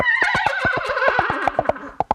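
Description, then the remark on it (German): A trumpet imitates a horse's whinny with a loud, wavering, downward-sliding call over a steady clip-clop of hoof-like knocks, ending on a few sharp isolated beats. “Wer jetzt noch einen Trompeter im Bekanntenkreis hat, kann das Pferd dazu noch wiehern lassen.”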